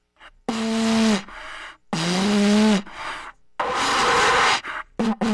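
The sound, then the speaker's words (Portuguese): A toy horn blown hard by someone struggling to make it play: two long, low buzzing honks that waver slightly in pitch, followed by a loud breathy rush of air and a couple of short sputtering toots. “Por que não tá tocando, meu? Tô aqui soprando feito um louco.”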